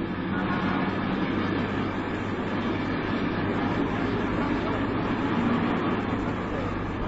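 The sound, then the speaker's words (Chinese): A steady rumble of a bus interior as the bus drives and turns a corner, with a constant low engine hum and road noise holding at the same level throughout. “同志们请扶好，汽车要拐弯了。”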